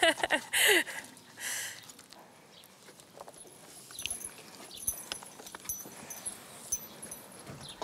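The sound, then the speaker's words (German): Horses shift about, their hooves clopping irregularly on a hard floor with scattered knocks and shuffles, plus a brief louder burst of noise at the start. “Nicht nur die Pferde und das Geschirr sollen glänzen.”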